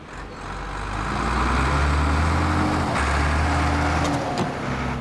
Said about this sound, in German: Oh, herrlich. Das Rauschen des Windes. Das ist nicht der Wind, das ist ein Bagger.